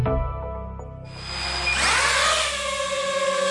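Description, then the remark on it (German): A drone flying with a buzzing, tonal motor whine. The whine jumps higher after about a second, then swells into a louder, rushing drone that holds steady, with no voices. “Drohnen. Immer öfter sieht und vor allem hört man sie auch in der Stadt fliegen, meist über Freiflächen, gesteuert von Privatleuten.”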